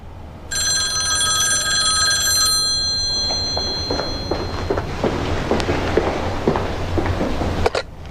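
A telephone bell rings loudly in a single sustained burst of about two seconds, then cuts off, leaving faint background noise and scattered small clicks and rustles.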